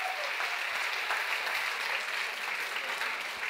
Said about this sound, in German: Jetzt möchte ich, dass ihr jubelt, dass man es bis in die Innenstadt hört, bis in die Paulskirche.